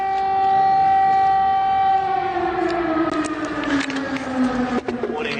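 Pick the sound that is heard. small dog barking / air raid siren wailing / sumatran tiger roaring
air raid siren wailing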